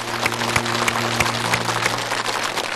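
A studio audience claps steadily, a dense wash of hand claps filling the room at a fairly loud, even level with no one speaking, while a low hum sits underneath.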